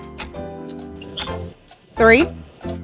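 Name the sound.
countdown clock ticking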